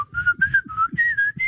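Someone whistles a short tune, a string of clear, sustained notes gliding up and down in pitch, with soft breathy noise underneath and no talking.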